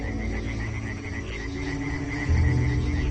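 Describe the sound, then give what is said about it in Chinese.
A dense chorus of European tree frogs calling together at night in warm, rainy spring weather, a steady, overlapping wash of croaks and trills with insects chirping in the background; no voices. “他们先是组建了一支小夜曲合唱队，歌声此起彼伏，整个夜空都回荡着他们热情洋溢。”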